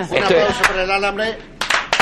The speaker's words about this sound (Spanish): Un aplauso por el alambre.